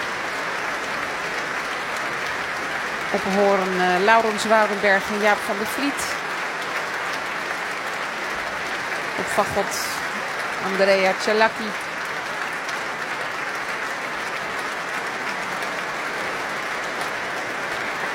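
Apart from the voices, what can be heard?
concert audience applause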